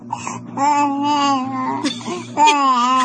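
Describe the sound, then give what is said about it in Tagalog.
A baby lying in a cradle babbles and fusses in drawn-out, wavering vocal sounds that rise into a whiny cry toward the end, with only brief pauses between. “Ka-cute, oy. Huwag ko kasabot, oy. Inigdako ni mo pohon, ha? Magtabi jitag maayo. Tabian mangani ka karon nga baby pa ka.”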